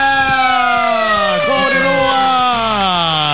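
A loud siren sound effect on the En Ruta program of radio Alegría del Transporte wails continuously with a steady stacked tone that slowly falls in pitch, like an emergency vehicle passing, with no one talking over it.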